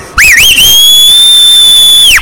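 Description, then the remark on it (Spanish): A loud, shrill human whistle rises with a quick warble, then holds one piercing steady note for nearly two seconds before dropping off sharply at the end. “y si le puede echar un chiflido?”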